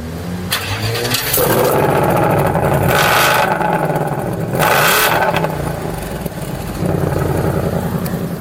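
A deep V8 engine starts and revs hard in repeated bursts, its loud roar rising and falling in a few sharp surges before settling into a rumbling idle.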